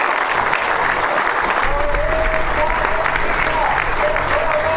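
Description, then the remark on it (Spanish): A large audience claps steadily and loudly for several seconds in recognition of the producers, a dense, continuous wash of applause with a faint whistle-like tone briefly rising above it. “Un aplauso para todas y para todos.”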